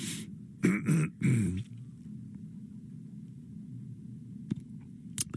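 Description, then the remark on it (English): Two forceful throat-clearing coughs in quick succession near the start, followed by a low steady background hum with a couple of faint clicks near the end. “Excuse me a second, I have to cough.”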